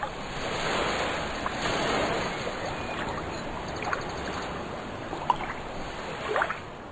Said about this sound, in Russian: Морские волны, ударяясь о прибрежные камни, образовывали белую пену.